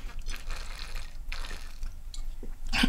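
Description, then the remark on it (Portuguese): Someone takes a quick sip of water, with soft slurping and liquid sounds in short bursts and a louder gulp near the end. “Ou toma água rapidinho aqui?”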